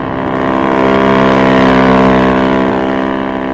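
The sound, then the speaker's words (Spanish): A speedboat engine drones steadily and loudly, its even motor hum swelling slightly in the middle, with no voices present. The speedboat, crewed by the captain of the Príncipe Carlos and several officers, has been launched into the sea and heads toward the Reina Victoria. “Una lancha rápida, tripulada por el capitán del Príncipe Carlos y varios oficiales, fue echada al mar.”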